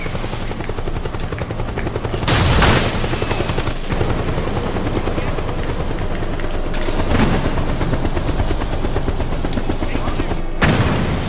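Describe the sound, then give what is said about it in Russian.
A loud, steady helicopter rotor drone in a video game fills the scene while rapid bursts of gunfire and a few heavy booms break through, sounding like combat around a hovering aircraft. “А скоро вертолеты кончатся, а?”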